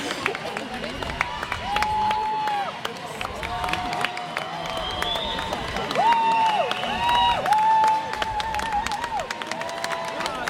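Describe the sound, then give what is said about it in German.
A crowd cheering and calling out at a boat race as the Flinterkahn boat comes by, voices rising in a steady roar with scattered claps and shouts, while sustained whistle-like tones sound several times through the din. “Die Stimmen werden lauter, es wird sich gefreut.”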